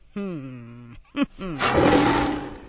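A lion roar: a sustained, low, tonal growl, a short grunt, then a loud, rough, breathy roar that swells and holds for about a second before the end.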